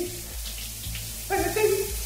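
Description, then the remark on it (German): Shower water pours in a steady, hissing patter, while a song with sustained, pitched notes plays through the spray and grows a little louder toward the end. “Ist ein bisschen schwer zu hören mit dem ganzen Duschgeprassel.”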